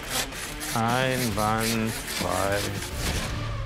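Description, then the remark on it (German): A knife saws back and forth in steady, rhythmic strokes, making a gritty scraping rasp that continues while a person talks over it. “Jetzt mal schön sägen, nicht drücken sägen.”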